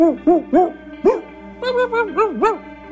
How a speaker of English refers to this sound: Ever wondered what all the local dogs were barking about?